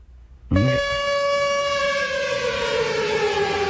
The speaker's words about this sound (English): The hell is that? I guess he makes turn sound effects, too. That is not a real siren behind you in traffic, people. What is that, a siren? I don't know.